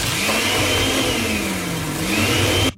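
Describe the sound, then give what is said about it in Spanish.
A kitchen blender at home whirs loudly and steadily for a few seconds, its motor pitch dipping and rising slightly, then cuts off abruptly. No one speaks. “Nada más, si puedes, por favor, prender la licuadora.”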